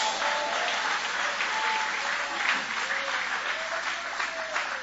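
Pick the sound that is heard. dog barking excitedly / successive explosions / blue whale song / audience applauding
audience applauding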